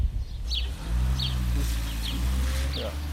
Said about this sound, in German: Ale my bychom se taky chtěli na něco zeptat, jestli je to možné, ale až tady to auto odjede, okamžiček.